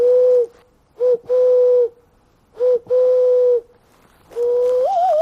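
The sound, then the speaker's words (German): A man walking through a forest imitates dove and owl calls with a series of steady, hooting whistled tones in short and long bursts, the last one wavering upward, fairly loud with no talking. “stellt die Laute von Tauben und Eulen für mich nach.”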